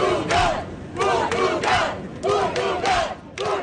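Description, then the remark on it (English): A large crowd of football fans yells and chants in loud, rhythmic bursts, voices rising together roughly every half second with brief dips between shouts. “Why were you cheering?”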